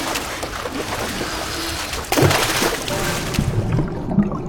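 Water at the Karmafallet waterfall swirls and sloshes continuously around someone's feet, a dense, churning wash with a louder surge of splashing partway through before settling back into steady turbulent movement.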